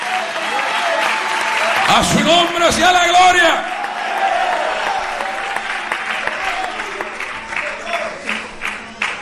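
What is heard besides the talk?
audience applauding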